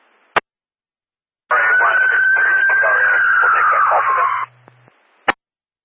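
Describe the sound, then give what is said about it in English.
A siren wails through a crackly radio transmission for about three seconds, its steady tone slowly falling and drowning out a muffled voice, with sharp squelch clicks before and after. “I'm sorry, I couldn't copy the siren.”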